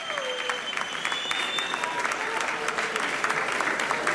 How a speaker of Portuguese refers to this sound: Mas deixem-me só dizer-vos que gostava de chamar ao palco a Ministra da Cultura, Margarida Balseiro Lopes, para revelar quem vai vencer a edição deste ano. Uma salva de palmas para a Ministra da Cultura, Margarida Balseiro Lopes.